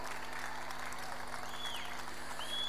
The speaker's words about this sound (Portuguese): Um forte aplauso para todos vocês, porque vocês bem merecem!